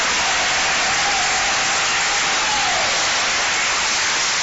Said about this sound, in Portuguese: Palmas que louvam o nome do Senhor. Mais forte que é para Jesus.